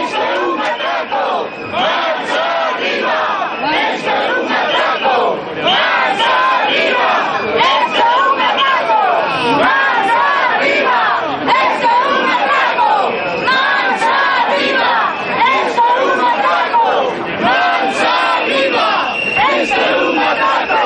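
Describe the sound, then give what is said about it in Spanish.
A large protest crowd chants and shouts together, crying "Esto es un atraco" ("This is a robbery"), many overlapping voices forming a loud, steady roar that barely lets up, with brief dips between repeated slogans. “Esto es un atraco, gritaban.”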